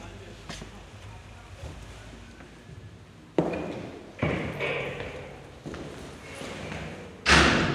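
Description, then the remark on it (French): A door being opened, marked by several dull thuds spaced a second or so apart, with a louder knock at the end over a low background hum. “Porte ouverte.”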